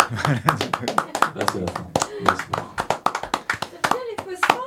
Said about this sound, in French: ça lance des applaudissements dans la salle.